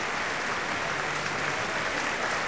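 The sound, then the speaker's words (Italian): Sustained audience applause for Jean-François Borras as Don José, a dense and even wash of many hands clapping at a steady level throughout, with no voices standing out. “Applaudito virtualmente anche dai nostri ascoltatori”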